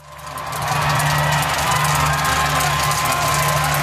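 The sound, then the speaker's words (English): A large crowd of football fans in different shirts cheers and whoops in front of a giant screen at a World Cup fan zone in Seattle, a loud, sustained roar that swells quickly in the first second and holds steady, with scattered shouts rising above the din. “Supporters in different shirts gather in front of a giant screen cheering as yet another team edges closer to the knockout stages at the World Cup.”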